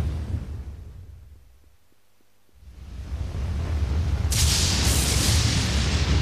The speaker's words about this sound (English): The roaring drumbeat of thunderstorms, the continuous crackling bursts and flashes of lightning, again and again.